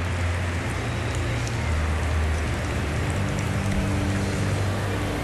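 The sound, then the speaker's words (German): Dense, steady applause from a large crowd at a football trophy ceremony after a final, as the losing finalist team gathers for a souvenir photo and Roberto Carlos applauds, a continuous hiss of many hands clapping that holds at an even level for about five seconds, with a low rumbling hum underneath. “Applaus von Roberto Carlos.”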